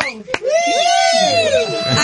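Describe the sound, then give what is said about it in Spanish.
A group of women shout and cheer together in high, overlapping voices, a sustained burst of excited yelling lasting about two seconds, preceded by a quick sharp clap-like hit. “¿Dónde están las chicas? A ver, ese grito.”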